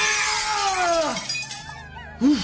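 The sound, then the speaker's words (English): Brittle china figures shatter in a loud, bright crash after being knocked by the Lion's tail, tinkling pieces ringing and sliding downward in pitch, followed by a brief second clatter near the end. No one speaks. “Did you break something, Lion?”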